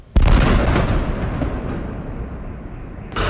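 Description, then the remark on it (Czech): A loud explosion erupts abruptly in Odesa after three in the morning during a Shahed-type drone strike, with air defense firing; its broad rumbling roar slowly decays before a second sharp blast hits near the end. No voices, just heavy booming detonations. “Jsou sice zvyklí už na všechno, ale intenzita explozí i práce protivzdušné obrany sílily.”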